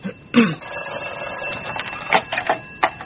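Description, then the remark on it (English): A telephone, the only phone in a small office, rings with a steady, buzzing electronic tone that carries through the whole moment, mixed with a few short knocks and clatters. “Who should answer that, ma? Should I? You are the secretary and the receptionist. You should answer. Then put them through to me.”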